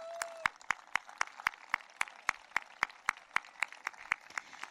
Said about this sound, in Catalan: Jo fins i tot faria un aplaudiment per ell.